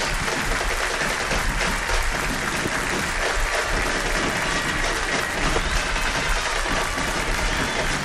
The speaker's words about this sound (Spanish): Atención, y vamos al minuto 10, aplauso en homenaje a Messi por lo demostrado en la selección argentina. Nos adherimos, por supuesto, escuchemos el aplauso.